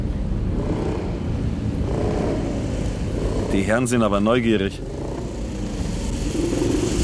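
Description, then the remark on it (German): A steady engine rumble runs throughout, with a short burst of higher, wavering engine whine around the middle as a motorcycle following a car revs; a man speaks briefly over the noise. “Du, ich glaube, uns verfolgt ein Motorrad.”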